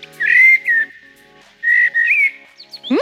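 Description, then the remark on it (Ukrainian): A common blackbird sings two fluting, warbled phrases separated by a short pause, clear and fairly loud, ending with a quick rising chirp. No one speaks. “Ти що, не впізнав чорного дрозда?”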